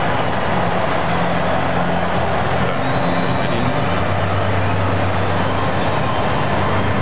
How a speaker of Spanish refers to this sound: Y ese aplauso, esa explosión de alegría en el estadio por la entrada de Lamine Yamal al partido